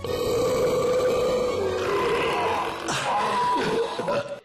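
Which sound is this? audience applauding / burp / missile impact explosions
burp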